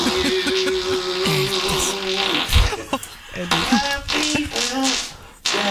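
A string of buzzy, flatulent tones from a performing fart artist rises and falls in pitch, forming a recognizable Happy Birthday melody played in farts. It sounds fairly loud, with brief pauses between the notes.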